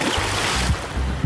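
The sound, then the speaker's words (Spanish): A portable speaker splashes into river water, leaving a steady rush of churning water with muffled low tones underneath as the speaker keeps playing underwater. No one speaks. “¡El altavoz a la ría, no!”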